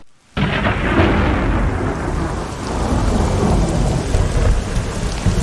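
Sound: rain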